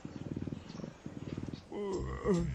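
A family of cheetahs purring while napping: two bouts of steady, rapid low throbbing, then a brief, louder voiced sound with a rising and falling pitch.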